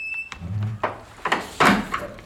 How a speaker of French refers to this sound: Et fermez la porte derrière vous.